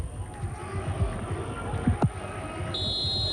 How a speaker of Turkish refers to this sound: Evet, Atilla Karaoğlan son düdüğü çalıyor. Mücadele sona eriyor. İstanbul'da gülen taraf Göztepe oldu. Eyüp Spor'u 4-0 mağlup etti ve puanını İzmir ekibi 6'ya yükseltiyor.